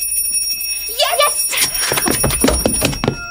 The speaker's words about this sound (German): Erst muss meine Mutter mit dem Glöckchen läuten.